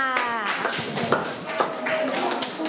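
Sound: children clapping hands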